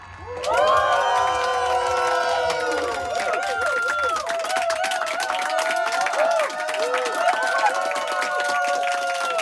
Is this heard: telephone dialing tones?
no